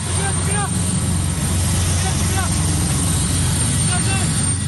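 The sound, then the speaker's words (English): A military helicopter descends onto a remote hill in Indonesia's Papua region where a pilot and his burned-out plane were found; its heavy rotor and engine roar fills the whole stretch, a loud, steady drone with a low throb, while faint higher-pitched chirps rise briefly above it. “A military helicopter descends onto a remote hill where the pilot and his burned-out plane were found.”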